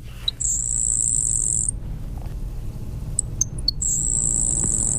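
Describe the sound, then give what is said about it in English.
A grasshopper sparrow sings twice, each time a few faint ticks followed by a thin, high, insect-like buzz lasting about a second, over a low steady background rumble with no talking. “the grasshopper sparrow, which is a lot more common, but like its name suggests, it definitely has a sound that's almost insect-like as opposed to what we would consider a general song.”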